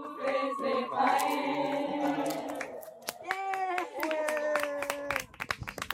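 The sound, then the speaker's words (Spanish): Applause of scattered, irregular hand claps over sustained tonal voices or cheering for about five seconds, thinning into a few sharp, isolated claps at the end. “Acompañadme en este aplauso, por favor.”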